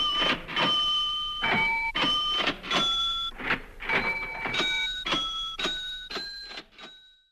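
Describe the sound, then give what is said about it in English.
A tune played on a composer's musical cash register: a steady run of about a dozen mechanical clunks, each followed by a ringing bell tone that shifts in pitch from strike to strike. No talking. “For now, I'll leave you with …'s musical cash register.”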